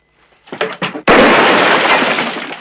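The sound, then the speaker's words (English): A sharp gunshot cracks as a water jar hanging from a roof beam shatters at once, followed by a loud, sustained wash of breaking shards and spilling water. It fades slowly, after two short voiced bursts. “Valance shoots a water jar that hangs from the roof beam close to Rance's head.”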